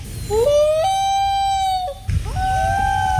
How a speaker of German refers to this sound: Das war der Eistaucher. Toller Vogel, was für ein Sound.